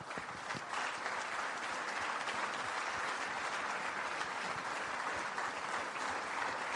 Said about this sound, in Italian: È il papà del nostro capogruppo alla Camera. Dedichiamogli un minuto di silenzio con un grande applauso.